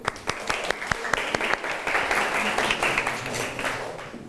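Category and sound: crowd, classroom applause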